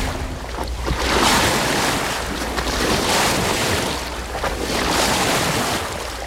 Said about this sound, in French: Ce chaland de Loire, donc il est parti de Brémond sur la Loire, en Indre-et-Loire.